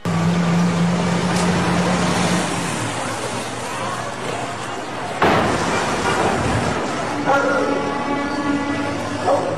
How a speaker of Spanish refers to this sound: ¿Va usted a escuchar el momento? Este es el momento preciso cuando sucedió la explosión de estas pipas de gas y la gran explosión que sucedió hoy por mediodía.